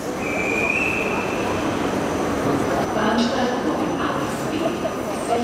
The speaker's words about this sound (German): Und wieder stehe ich in Wien am Bahnhof. Auf dem Weg ins oberösterreichische Traunkirchen.